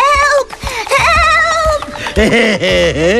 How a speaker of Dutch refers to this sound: Toen hoorde de reus de geitjes gillen.